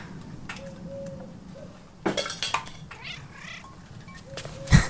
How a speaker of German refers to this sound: Nur eine streunende Katze.